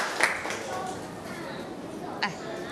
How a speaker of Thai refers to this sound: ขอตัวแทนนักเรียน2คนทางด้านหน้าเลยค่ะนักเรียนปรบมือให้กับตัวแทนค่ะเชิญเลย